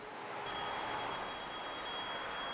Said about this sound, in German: Bei Jung und Alt klingelt unablässig das Telefon, weil Mama im Homeoffice verzweifelt, Papa auf Geschäftsreise, das Kind erkältet ist.